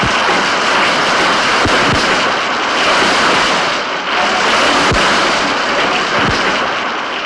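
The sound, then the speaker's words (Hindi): A waterfall roars steadily and loudly throughout, a dense rushing wash of water with a few dull low thumps beneath it and no voices. It is the Krishna (Krishna Veni) river in Karnataka, near Bijapur, dropping 408 feet over 3 miles. “कर्नाटक में कदम रखते ही कृष्णा वेणी 3 मील के फासले में 408 फुट नीचे की ओर उतरती है, जैसे उछलती कूदती अपने उत्साह को प्रकट करती हो। नीचे उतरते समय होने वाली ध्वनि 30 मील दूर तक सुनाई देती है।”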